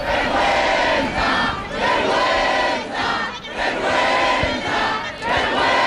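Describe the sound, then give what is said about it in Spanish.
A large protest crowd shouts "vergüenza" (shame) in anger and indignation after deputies finish voting, their massed voices rising and falling in loud, chant-like waves every second or two, with no single voice standing out from the roar. “Gritaban vergüenza”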